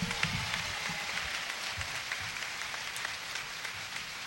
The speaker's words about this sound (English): Let's give the band a big round of applause, ladies and gentlemen.